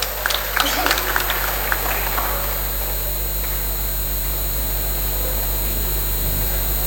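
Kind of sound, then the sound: crowd, audience applause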